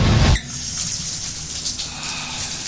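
Water runs steadily from a tap or shower in a bathroom for a quick bath, after the boiler has gone off; a broad hissing rush that starts after a brief louder burst and continues evenly, with no one talking.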